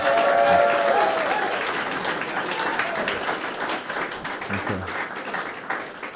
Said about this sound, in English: So another round of applause for Nathaniel Babayan.